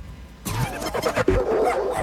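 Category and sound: animal, dog barking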